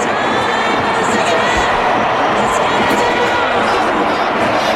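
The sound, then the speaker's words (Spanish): A large football stadium crowd roars and shouts continuously for the player Endrick, a dense, loud wall of voices with bursts of cheering rising above it, heard from within the stands. “Se escuchaba también hace un momento cómo los gritos eran para”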